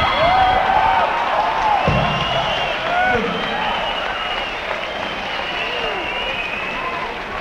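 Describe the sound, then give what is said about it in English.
A lively audience at a trombone and orchestra concert keeps up a steady roar, with scattered shouts and rising whoops from several boys at once, loud throughout. “All you girls in the audience to notice that the boys that are screaming out, we notice the girls don't usually scream out, but the boys that are screaming out, when they want to be entertained that fast, stay away from them.”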